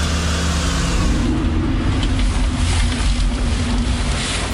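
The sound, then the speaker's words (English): A car engine hums with a steady low rumble and broad road noise as the car arrives and parks in the car park at Rosebery Topping, holding an even level for a few seconds with no voices. “All right, so we've just arrived at Rosebery Topping. We've parked up in the car park.”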